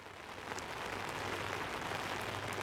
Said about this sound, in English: I hope you can still hear me. It's pouring rain here.